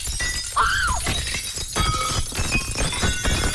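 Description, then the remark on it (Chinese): Glass shatters in a rapid series of loud crashes, with bright tinkling shards scattering throughout and a brief high squeal near the start; no voices. “最后爱丽丝再次张开手，在空中抓了一把，这一次他听到了两声细细的尖叫和更多的打碎玻璃的声音。”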